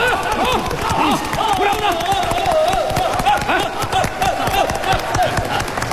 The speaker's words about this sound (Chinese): 怎么样，在场的朋友给他加加油，鼓鼓掌，怎么样？